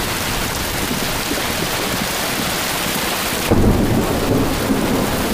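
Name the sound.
heavy rain with thunder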